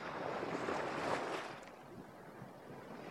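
Ocean waves wash onto a beach in a broad, hissing rush that swells and then recedes into a softer, steady wash, with no voices present.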